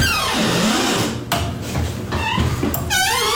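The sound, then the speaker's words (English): A women's bathroom door swings open with a loud, drawn-out creaking groan, its pitch wavering and sliding, ending in a few sharp high squeaks. No one speaks. “The women's bathroom door is so squeaky.”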